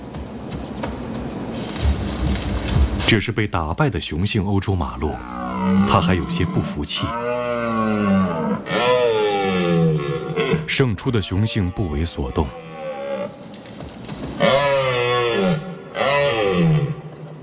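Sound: red deer stag roaring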